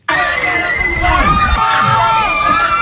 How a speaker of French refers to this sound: Beaucoup de sifflets finales, ces cris de joie ont résonné bien au-delà des rues de Yaoundé.